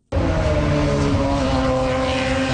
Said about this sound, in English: Indy cars are hitting the track for the first time in Markham, Ontario today. The race weekend was supposed to begin Friday, but the promoter didn't complete the temporary circuit on time.